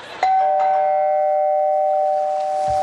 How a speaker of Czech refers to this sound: Někdo zvoní asi. No ne, to by mě nenapadlo. Tak otevře mi někdo.